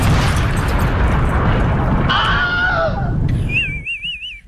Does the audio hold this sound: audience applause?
no